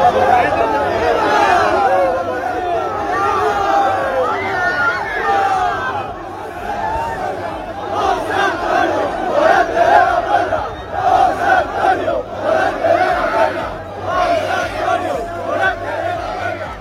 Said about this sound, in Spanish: por la puerta del Príncipe de la Maestranza, a hombros de una multitud de aficionados que no dudó en agasajarlo con vivas, aplausos y gritos de su nombre. Tal fue la intensidad del momento que la multitud lo llevó a hombros hasta el Hotel Colón.